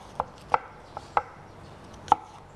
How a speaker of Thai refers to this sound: แล้วก็แอปเปิ้ลล้างให้สะอาดแล้วก็หั่นเป็นชิ้นเล็กๆเราใช้ทั้งเปลือกเลยนะคะ